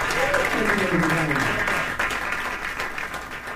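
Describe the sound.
An audience at a jazz concert applauds steadily for a pianist and a guitarist, a dense wash of clapping hands throughout, with faint voices rising through the crowd noise; the applause fades slightly toward the end.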